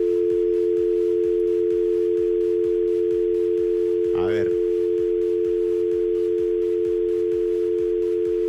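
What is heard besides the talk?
telephone dial tone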